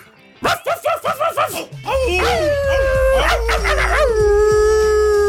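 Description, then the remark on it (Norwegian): A quick series of about six sharp dog yips leads into a loud, sustained dog howl with wavering pitch, prominent over a low rumbling background. “Det den internasjonale hundedagen I dag.”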